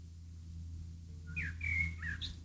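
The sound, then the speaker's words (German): A bird chirps outside a studio, a few quick whistled tweets and trills in the second half, over a steady low hum of background noise. “Hier zwitschert die ganze Zeit vorm Studio wie verrückt ein Vogel.”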